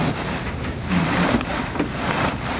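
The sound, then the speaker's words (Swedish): An armchair cushion stuffed with wool mixed with coconut fiber is pressed, giving a continuous dry crackling and rustling that swells and fades in waves, fairly loud and with no one speaking. “Den här dynan som vi hör här som nästan knastrar.”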